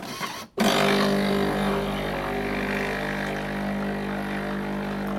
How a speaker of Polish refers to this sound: Teraz się płucze spieniacz. Teraz się płucze. Wężyk jeszcze jest zimny. O, w tej chwili przez wężyk przylatuje gorąca woda. Teraz on się będzie przedmuchany parą.